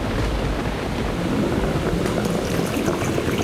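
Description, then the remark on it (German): Churning, swirling whirlpool water rushes steadily and loudly, a dense turbulent roar with no pauses and no voices. “Der Strudel wird dich verschlucken, dich und dein Geld.”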